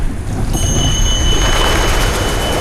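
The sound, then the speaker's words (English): A train runs along the tracks toward the horizon in a steady, loud low roar, with thin high-pitched whining tones joining in after a moment and holding throughout. “A train runs toward the horizon.”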